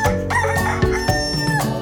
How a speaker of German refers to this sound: Guten Morgen, Herr Hahn.